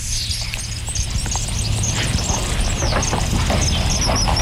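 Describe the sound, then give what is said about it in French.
A kingfisher's thin, high-pitched whistle calls repeat faintly throughout, short piercing notes over a steady low rumbling background noise. “Ça, c'était le martin pêcheur.”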